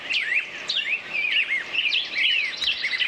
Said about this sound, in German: Ja, die Frage ist nur, welche Vögel zwitschern da gerade?